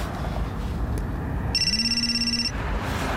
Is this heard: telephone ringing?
yes